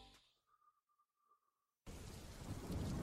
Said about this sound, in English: Oh no, it's raining! Baka nagsisenti ka na naman ka vibes. Don't let the raindrops drop your mood.